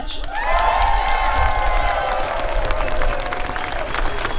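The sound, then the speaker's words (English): A large outdoor crowd at an ASU union rally in Melbourne, over council workers' wages and conditions, cheers and claps steadily, with rising whoops and shouts riding over a dense wash of applause that holds at full strength for several seconds. “How proud am I to see such a crowd.”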